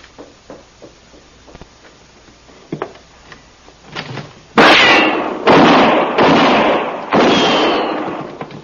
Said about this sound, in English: Go up to the front window and open fire on the two up on the wagon.